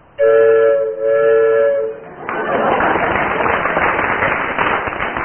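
A loud, steady train whistle blows for about two seconds, then cuts off into the continuous rushing rumble and clatter of a train rolling past.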